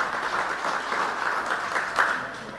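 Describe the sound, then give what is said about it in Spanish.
Steady audience applause at a Feria Agropecuaria event, a dense wash of many hands clapping with no voices, holding at an even, moderate level and swelling slightly near the end. “Fuerte los aplausos, por favor.”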